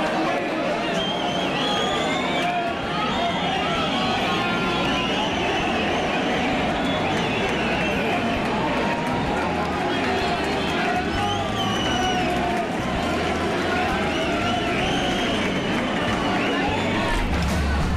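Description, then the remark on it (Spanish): A large crowd applauds and cheers steadily as a poplar trunk is hoisted upright with the help of young women and men at the San Juan poplar raising (izada del Chopo) in Agurain, the clapping a dense, continuous wash mixed with overlapping voices and shouts throughout. “Esos aplausos son en el momento, sí, en el que ese chopo se pone en vertical.”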